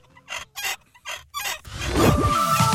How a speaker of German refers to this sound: Also über 25 Jahre im Keller, da kannst schon mal etwas verrostet quietschen im Genick.